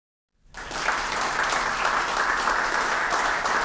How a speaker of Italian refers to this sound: Il vero applauso, Carlo Assessore, era per la Panda 4x4, che era perfetta per la location sindaco, nella quale ci trovavamo.